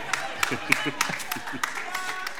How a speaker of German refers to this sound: Naja, es ist, klatschen auch nur 3 Leute, ja, es ist, verstehe ich aber auch, ja.